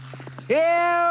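A few quick, evenly spaced hoof clip-clops, then a loud, sustained horse neigh that rises sharply at the start and holds a steady, bright tone to the end.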